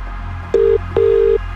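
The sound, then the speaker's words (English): Two clear electronic touch-tone beeps from a phone keypad as a number is dialed to call a prize contest entrant, a short one followed by a longer one, each starting with a click, with no voices present. “We're making this call right now.”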